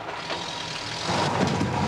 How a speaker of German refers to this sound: Der fährt hier ein Laster da drüben, da sitzt er drin.